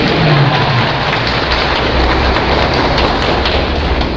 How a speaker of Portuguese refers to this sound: Uma salva de palmas, viva Santo Antônio, viva o nosso padroeiro, viva Jesus Cristo.